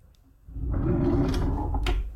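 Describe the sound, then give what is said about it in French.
A cutlery drawer is pulled open with a sustained rolling scrape, loose knives and forks clinking and rattling inside, ending in a sharp knock as it stops. No voices. “Hop, on tire le tiroir. Et derrière, les petits couverts.”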